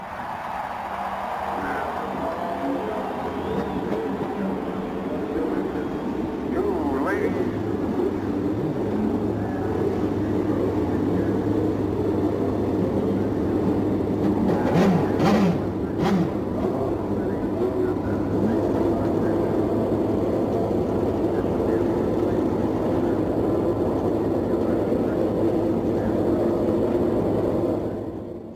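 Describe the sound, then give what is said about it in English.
A loud, continuous roar of many race car engines starting and running together at the 84th Indy 500 at the Indianapolis Motor Speedway, with revs rising and swelling at moments over a dense, steady rumble throughout. “Ladies and gentlemen, start your engines.”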